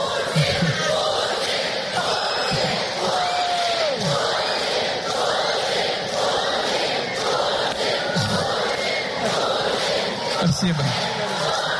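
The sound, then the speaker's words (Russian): A large crowd of children in a hall squeals and shouts continuously, a dense wall of high-pitched cheering with rhythmic chanting of "Putin, Putin" as they greet Vladimir Putin at the closing ceremony of the Bolshaya Peremena contest in Krasnoyarsk. “В сообщениях российских телеканалов подчеркивалось, что появление Путина было якобы неожиданностью для присутствовавших в зале детей, встречавших его визгом и скандированием «Путин, Путин».”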